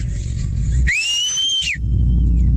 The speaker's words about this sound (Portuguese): Bom assobio. Fez um até eco, cara. Fez repete eco aí.